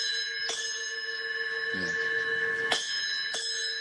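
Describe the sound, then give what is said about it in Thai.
A small toy bell is struck a few times, each sharp hit followed by a bright, sustained metallic ring that keeps sounding between strikes, clear. “สองแล้วนี่สามแล้วเคาะระฆังแล้วของเล่นครับ”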